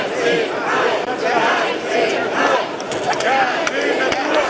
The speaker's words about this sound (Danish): Ja til natur, nej til hegn, bliver der blandt andet råbt af dem, som er utilfredse med, at et 22 km langt hegn, som skal holde elge, krondyr og kastrerede tyre inde i parken.